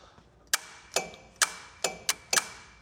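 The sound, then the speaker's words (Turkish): A car AC compressor clutch, powered directly with 12 volts to test it, clicks on and off six times in quick succession, each a sharp metallic snap at slightly irregular intervals over a faint steady hum, with no one talking. “Ona bakmadan önce debriyaja 12 volt vereceğim ki çalışıyor mu görelim.”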